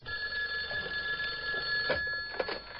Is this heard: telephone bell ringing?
yes